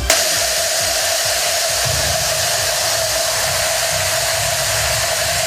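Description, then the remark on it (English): 41,819 cowbells rung simultaneously at a Mississippi State Bulldogs world-record ringing in Starkville merge into a dense, steady metallic roar like rushing static, with no single clank standing out and a faint sustained ringing tone inside the wash. “Hey, I don't know if you can even tell it's a cowbell, but that's what almost 42,000 cowbells actually sound like all one together.”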